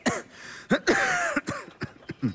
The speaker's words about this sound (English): I heard you coughing all night.